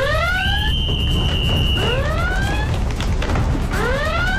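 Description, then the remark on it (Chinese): A loud alarm, raised after patrolling military police blow a whistle, blares in repeated rising, wailing sweeps, with a brief sustained high tone early on, all over a steady low rumble and no talking. “随着急促的哨音，警报声立刻大作。”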